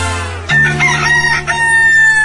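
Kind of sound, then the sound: bird, rooster crowing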